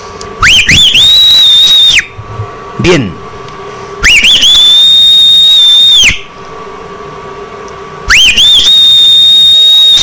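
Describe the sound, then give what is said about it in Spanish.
A person whistles three loud, sustained blasts, each sliding up then holding a steady shrill tone for about two seconds, evenly spaced, with brief faint talking in the gaps. “échese un chiflado de esos.”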